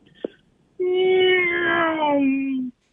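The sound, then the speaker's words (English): A voice imitates a race car with one steady, buzzy vocal drone lasting about two seconds, its pitch sliding gradually lower before cutting off. A brief click comes just before it. “I got to get you to do your best race car noise.”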